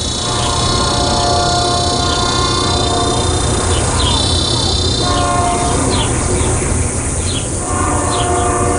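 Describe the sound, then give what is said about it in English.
A train rumbles loudly and steadily past a house near the tracks while its horn sounds in long, blaring blasts that rise and fall, with faint high squeals over the heavy roar. “I'm deafened by the train's timpani, searing through every crevice in this house.”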